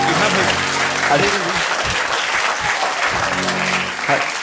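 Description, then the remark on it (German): An audience claps steadily for several seconds, a dense, even wash of applause that stays loud throughout, with faint voices mingling underneath. “Da brauche ich sie gar nicht klatschen, das wäre ja blöd, so aufzuhören.”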